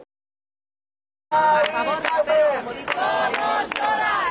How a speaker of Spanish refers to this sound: Esta ha sido la reacción inmediata en Sol nada más conocerse la noticia. Los acampados han coreado una vez más el grito que les había traído hasta aquí hace 12 días.